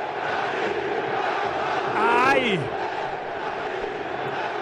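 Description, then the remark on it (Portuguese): A dense, steady roar of Cruzeiro football supporters in a stadium fills the whole clip, with one loud voice shouting out a rising, wavering cry partway through. “Olha só a torcida. Vamos ouvir.”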